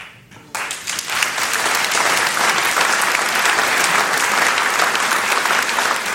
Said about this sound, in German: Applaus.